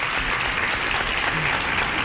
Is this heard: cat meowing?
no